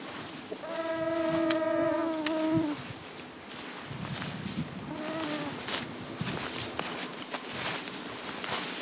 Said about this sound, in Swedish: Det är en ojämlik kamp mot mygg och knott när vi tränger oss fram genom den täta lövvegetationen.